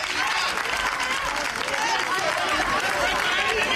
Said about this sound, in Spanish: Presidente Aznar, a su llegada, abrazo en la calle de ambos y aplausos y eslogans.